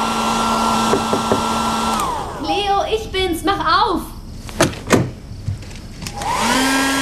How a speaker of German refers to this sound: Dort nahm ich mir den Föhn und trocknete meinen Fischschwanz.